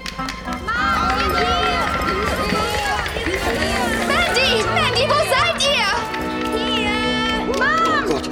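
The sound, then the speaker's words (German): A crowd of children, told to make as much noise as they can, shrieks, shouts and squeals all at once, a loud, continuous chaotic din with high-pitched voices swooping up and down, barely pausing for the whole stretch. “Jetzt aber los, Kinder, ihr macht jetzt so viel Lärm, wie ihr nur könnt.”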